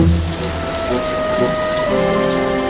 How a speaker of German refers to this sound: Er duschte. Lange. Unendlich lange.